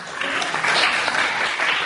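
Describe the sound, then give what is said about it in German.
A crowd applauds steadily during the announcement of elected board members for Arad County, a dense wash of many hands clapping at an even, fairly loud level for the whole stretch, with no break and no voices clearly standing out above the clapping. “Applaus.”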